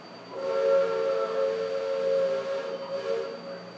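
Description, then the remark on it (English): A steamboat's steam whistle on a river blows one long, loud, chord-like blast over a breathy hiss, wavering briefly near the end before sounding on steadily. “Most of the Indians along the river don't quite know what to make of our steamboat.”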